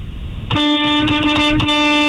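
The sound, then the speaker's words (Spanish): A vehicle horn, sounded by a driver of the 18 Morena, blares in one long, steady, loud honk, cutting in after a brief moment of background noise and holding to the end. “A ver, que suene el claxon, a ver.”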